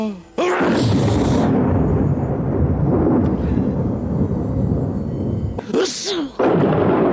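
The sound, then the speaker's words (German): A sharp, sneeze-like burst, Zeus sneezing, opens into a loud, deep rumble of thunder on Earth that rolls on for several seconds, and a second burst erupts near the end over the continuing roar. “Sehr lustig auch, wenn Zeus niest, dann hört selbst, donnert's auf der Erde.”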